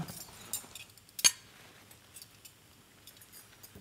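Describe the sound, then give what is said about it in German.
A metal cutter presses through beetroot, cutting pieces out of it, with soft scattered clicks and one sharp metallic clink against a hard surface, quiet, with no talking. “Jetzt stechen wir die mal aus.”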